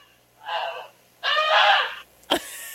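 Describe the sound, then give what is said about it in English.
A person voices two nasal, honking calls imitating a goose, a short one and then a longer, harsher one, followed by a brief sharp click or breath. “I think I was on the right track for just coming out with a goose impersonation on the spot.”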